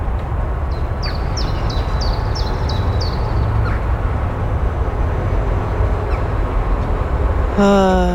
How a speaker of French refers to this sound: Le calme, le petit chant des oiseaux. Est-ce que c'est le grêbe jougri? Ah, c'est peut-être le grêbe jougri. Mais on entend aussi les bruits de la ville autour de Ska.